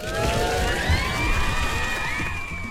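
A large crowd cheers and applauds loudly and steadily, with shrill whistles and whoops rising above the roar for a few seconds.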